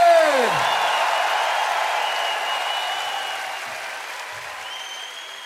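Sustained audience applause, a dense wash of many hands clapping together, loud at first and gradually tapering off, with a faint whoop or two from the crowd.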